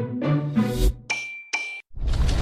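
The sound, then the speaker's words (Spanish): Church bells, the bells of Dolores Hidalgo, Mexico, on 16 September, ring out loud in several clanging strikes in quick succession, each with a ringing tone, before a burst of rough, noisy sound takes over at the end. “Todo inició un 16 de septiembre en Dolores Hidalgo, cuando las campanas despertaron un eco que se volvió el grito de lucha y libertad que marcó el rumbo de nuestra nación.”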